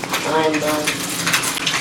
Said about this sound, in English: Sorry about the rustling.